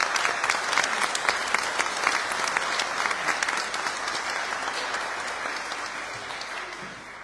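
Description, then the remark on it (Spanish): An audience at a Eucharist of the Espíritu Santo community of Fresia applauds the parents and children steadily for about seven seconds, a dense wash of many hands clapping that holds its loudness and eases off slightly toward the end, with no talking over it. “Así que muchas, muchas gracias y un aplauso a los papitos y a los niños.”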